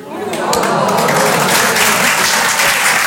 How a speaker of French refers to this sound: Je sais pas pourquoi, à chaque fois que j'en parle, les gens m'applaudissent.